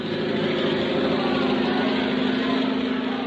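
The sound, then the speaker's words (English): A steady, droning propeller engine hums continuously at a constant loud level, its low buzzing tone unchanging as French flyer Louis Blériot's white-winged aeroplane passes overhead crossing the Channel. “Louis Blériot, the French flyer, is crossing the channel in his aeroplane.”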